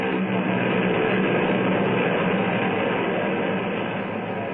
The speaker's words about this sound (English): I just wanted to enjoy that sound. That was Zubansky's plane taking off.